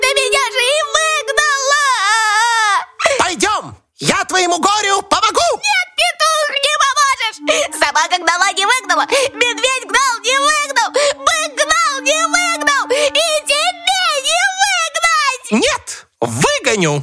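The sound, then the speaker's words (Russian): A voice imitates a hare crying and sobbing as it walks along a road, with loud, wavering, whimpering wails that carry on almost without pause for several seconds. “Идет зайчик опять по дороге, плачет пуще прежнего.”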